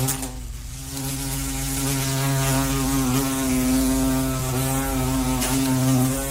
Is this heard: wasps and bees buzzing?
yes